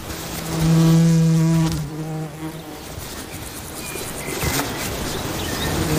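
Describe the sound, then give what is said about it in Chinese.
A bee's droning buzz swells loudly for about a second, then drifts away, leaving faint outdoor ambience with a few soft buzzes. “蜜蜂通常需飞到距离蜂巢数公里外的地方才能采到花蜜。”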